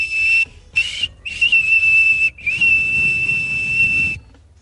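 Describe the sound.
A person whistles a steady, high-pitched pure 2600 hertz tone in several bursts (three short ones, then a longer sustained note), loud, with a breathy hiss underneath and no talking.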